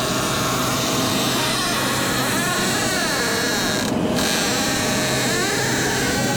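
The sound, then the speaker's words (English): A door creaks and squeaks in long, wavering groans, its shrill pitch sliding up and down over a steady rough grind, loud and unbroken for several seconds with no voices. “Can we listen to this squeaky door that Juan sent us?”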